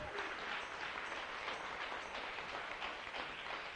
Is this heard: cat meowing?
no